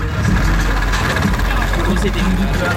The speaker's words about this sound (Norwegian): Ja, bare skru den på. Bilmotoren durer og det rister godt fra bassen, og ungdommen de ser ut til å nyte akkurat det.